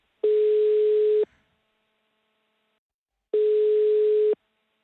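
Two steady ringback tones sound on a phone line as the Slovenian station Radio Robin calls a listener who sent an SMS, each tone lasting about a second with a pause of roughly two seconds between them, clear and alone with no talking.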